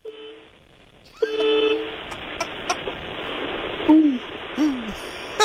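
A feeble, thin honk sounds several times: two flat, steady toots followed by two short tones that sag downward, all over a steady hissy background with no talking.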